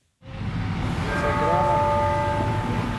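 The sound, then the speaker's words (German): Outdoor city square ambience in front of the Sagrada Familia in Barcelona, by the metro exit at the Nativity facade where a small cluster of people has gathered, fades in: a dense, steady wash of crowd murmur and urban rumble, with faint sustained ringing tones drifting through the middle. “Der Platz vor der Sagrada Familia in Barcelona. Am U-Bahn-Ausgang bei der Geburtsfassade hat sich eine kleine Traube Menschen angesammelt.”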